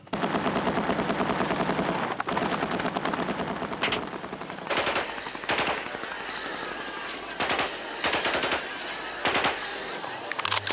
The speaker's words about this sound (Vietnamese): Thì cũng trong trường đó nghe một cái loạt cộng sản nó bán một loạt đại liên, cái đứt cái vãng đầu trên.